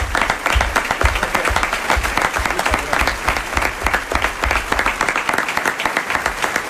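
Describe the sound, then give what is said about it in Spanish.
An audience at the Teatro Luis del Olmo applauds an actor after a radio-fiction performance for Onda Cero's Más de Uno, many hands clapping in a dense, even patter that holds at a fairly loud level for several seconds with no voices over it. “Aplauso para Pedro.”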